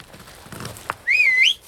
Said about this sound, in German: Was? So zum Pfeifen. Ist leicht.